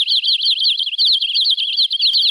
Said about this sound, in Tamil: அக்கா அக்கா, அங்க பாருங்க, பறவைகள் எம்பிட்டு இருக்கு இந்த மரத்துல. ஆமா பிள்ளை, அதோட அது எழுப்புற சத்தத்தை கவனிச்சியா? கவனிச்சேங்க்கா, மனச மயக்கிற இசையாட்டம்லாம் இருக்கு.